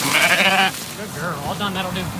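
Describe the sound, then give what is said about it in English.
A sheep lets out one loud, quavering bleat lasting under a second as it is rounded up with a border collie named Pearl on a solar farm, and then a voice starts talking while faint farm sounds carry on. “is rounding up his sheep with the help of his border collie, Pearl.”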